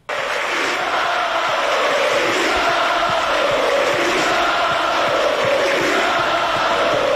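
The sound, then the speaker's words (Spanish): A large football stadium crowd in Santander, Spain, roars and cheers continuously as fans bid farewell to departing player Gustavo Puerta, a dense wall of voices with scattered claps and shouts, loud and sustained throughout with no single speaker standing out. “La afición lo saluda para radio y él aplaude, saluda a la tribuna.”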